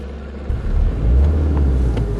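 Police patrol cars pulling away over grass after a raid on a camp in Carinthia (Koroška), a low engine rumble that swells after a half-second of quiet and holds steady, with no voices.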